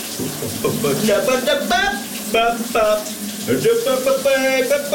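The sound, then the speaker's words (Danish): Steady hiss of shower water running in the morning, with a man singing loudly over the spray throughout. “han gør sig da fortjent til en stjerne her til morgen. Han har gang i et brusebadshit.”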